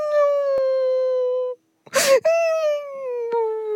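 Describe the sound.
A loud, sustained crying wail with a slowly falling pitch, broken by a sharp gasping breath, then another long wail that trails downward, from a furry creature crying so hard its fur is soaked with tears. Intense, with no talking.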